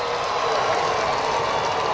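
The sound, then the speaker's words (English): A steady wash of stadium crowd noise at a baseball game, a dense roar of cheering and clapping for a stolen base by Chandler Simpson, holding at an even, fairly loud level for two seconds with no individual voices standing out. “He's from Atlanta, like we mentioned earlier, and you could hear a pretty strong section of the stadium cheering for him.”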